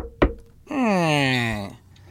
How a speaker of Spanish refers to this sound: En un pueblecito de Chiapas, tocan a la puerta.